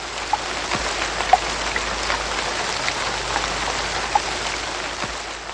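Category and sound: nature, rain falling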